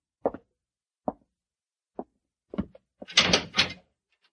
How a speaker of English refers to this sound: I'd like you to walk to that cell in the far corner. Go in and close the door behind you.